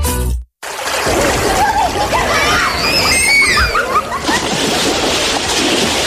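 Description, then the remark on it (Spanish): Children shout and squeal excitedly as they play in a river, over steady splashing and rushing water, lively, the noisy play continuing after a brief silent gap at the start. “Pariente, saque los niños del río y salga de usted también.”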